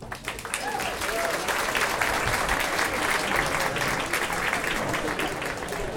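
A jazz club audience at Jazzklubb Fasching in Stockholm applauds steadily for several seconds at the interval of a live jazz radio broadcast, a dense, even wash of many hands clapping at a fairly loud, constant level with no clear speech.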